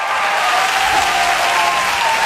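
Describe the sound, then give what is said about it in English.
A comedy show audience claps steadily and loudly while high-pitched women's whoops and cheers ride over the applause, sustained without pause. “That is the lady cheer.”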